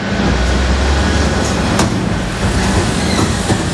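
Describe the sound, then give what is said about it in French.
A garbage truck rumbles slowly through deserted town streets at 4:29 in the morning, its engine a steady, loud low drone with constant road noise and a brief clank partway through. “La ville est encore endormie lorsque le camion Ben progresse lentement dans les rues désertes.”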